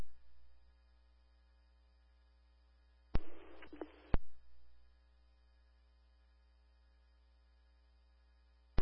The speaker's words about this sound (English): Station WPRG 392 to all hosts and receivers with the 1900 tone and equipment test.